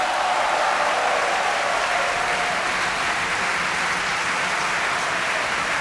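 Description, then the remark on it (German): Steady, dense applause from a large opera audience, cheering for Sigi Dai as Zerbinetta, fills the whole stretch at an even loudness, with a few cheers rising above the clapping and no speech. “Jubel für Sigi Dai als Zerbinetta.”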